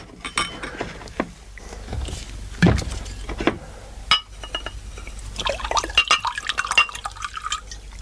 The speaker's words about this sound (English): There was a bottle of scotch and various other alcoholic beverages on the sideboard. I fumbled for a glass and filled it to the brim.